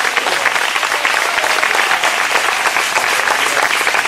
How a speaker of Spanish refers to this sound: Denle fuerte ese aplauso si es para él.